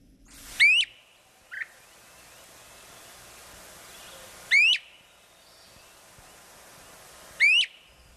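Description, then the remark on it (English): A great crested flycatcher gives three loud, sharply rising whistled calls spaced several seconds apart, with one brief softer note early on, over a steady outdoor hiss and no talking. “And it's adding its distinctive call to the oral landscape.”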